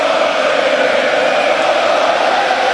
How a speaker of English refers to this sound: Man, the crowd was loud. This is the beginning of the game. The puck hasn't even dropped. It's deafening.